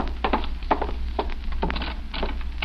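A door handle is tried and rattled against the locked connecting door between rooms of a hotel suite, a quick series of hollow clunks and knocks repeating over a low steady hum, with no voices.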